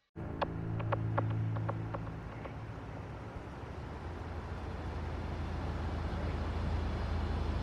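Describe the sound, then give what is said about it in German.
A steady, low engine hum fills a car cabin outside a diner next to a record shop, a constant rumble opening with a short run of soft, evenly spaced clicks before settling into an unbroken drone. “Nein, wir werden nicht in diesen Laden gehen, sondern hier im Auto bleiben und abwarten, was im Diner passiert.”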